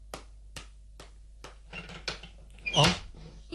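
Four evenly spaced knocks, then a door creaks open with a short, squeaky groan near the end as it is opened to see who is knocking. Fairly quiet, with no voices.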